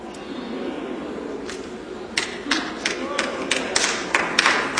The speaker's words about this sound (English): Clap if you want to clap.